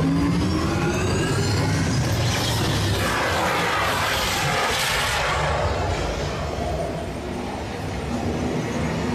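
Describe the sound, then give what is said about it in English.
A car engine revs hard and continuously during a simulated off-road and extreme weather test, its pitch rising and falling over a loud, rough rumble of noise that fills the whole stretch, steady throughout. “Commencing sim car off-road and extreme weather sequence.”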